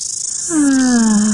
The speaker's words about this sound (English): The sound of summer. Really is. Love the mighty cicada.